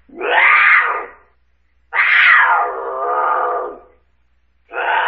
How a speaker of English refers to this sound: Mountain lion?